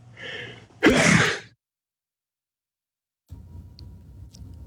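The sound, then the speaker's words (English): A single loud sneeze bursts out after a brief sharp inhale, followed by a moment of silence and then soft background murmur. “I'm going to sneeze.”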